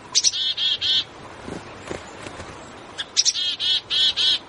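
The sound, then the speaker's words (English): Small birds of a mixed winter flock of different species call in two quick bursts of three or four buzzy, high-pitched notes, with a few sharp chips in between. No one is talking. “Many winter flocks include members of different species, banding together to brave the cold.”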